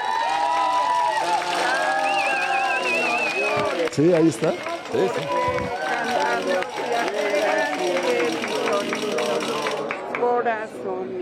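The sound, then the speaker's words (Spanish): A huge stadium crowd of football fans at the Coloso de Santa Úrsula sings Cielito Lindo in unison to support the national team, a loud, sustained swell of many voices with wavering melodic lines. A man speaks briefly over the singing. “Y vamos a escuchar el cielito lindo,”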